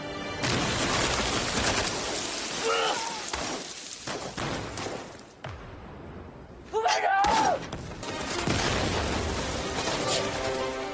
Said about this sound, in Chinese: 陈彦宗在战壕里来回穿梭，不停地开枪扔手榴弹，突然他在爆炸声中倒了下去。